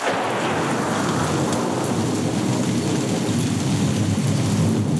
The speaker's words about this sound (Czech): 3, 2, 1, bouřka. A já ještě dodávám hromy a blesky, třesky, plesky.